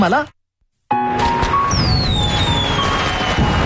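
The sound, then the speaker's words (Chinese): After a brief silence, fireworks burst in a loud, continuous barrage of booming pops and crackles, with high whistling streaks sliding downward in pitch over the top. “可以同中意嘅人睇烟花，真系好浪漫啊！”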